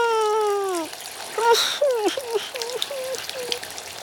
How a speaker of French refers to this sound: C'est fini. À la douche, maintenant.